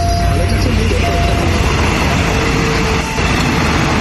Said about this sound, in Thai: รถไฟเหรอฮะอ๋อแถวเส้นรถไฟนะฮะมีรถไฟกำลังขับผ่านพอดีเลยเนี่ยมีฟังเสียงเนี่ยนะฮะปึ้งปึ้งปึ้ง